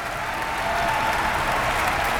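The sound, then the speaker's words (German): Steady, dense applause from a concert audience for the wind section after a large orchestral work, many hands clapping at once in a continuous crackling wash at even loudness, with no voices breaking through. Conductor Markus Poschner has individual musicians stand. “Dieser Applaus, den Sie jetzt hören, gilt der gesamten Bläsersektion.”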